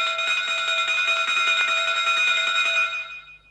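A railway platform departure bell rings in one continuous, rapid metallic trill, loud and steady for about three seconds before fading out. No one speaks.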